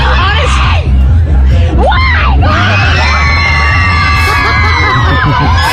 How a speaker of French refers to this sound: Alors, il y a des fans qui gueulent derrière elle.